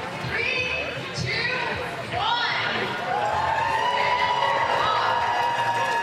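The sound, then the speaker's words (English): A large outdoor crowd at Prince's Island Park in Calgary cheers and calls out on a Sunday at an event supporting those suffering from Alzheimer's. Many overlapping voices form a loud, steady wash of noise that holds for several seconds without a break. “Huge crowds have braved the conditions at Prince's Island Park Sunday to support those suffering from Alzheimer's.”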